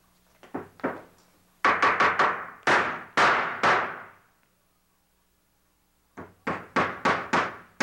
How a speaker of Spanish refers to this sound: ¿Me quiere decir qué es eso? Pues un martillo. Me refiero a la tarima. Pues es una tarima. Eso ya lo sé. Bueno, y entonces, ¿por qué pregunta? Lo que quiero saber es por qué está poniendo ahí esa tarima.